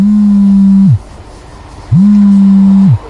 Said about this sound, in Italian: Dopo poco mi squilla il cellulare.